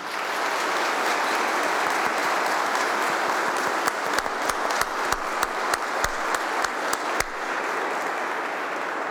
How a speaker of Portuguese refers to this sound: Muito bem, vamos acolhê-los com uma salva de palmas.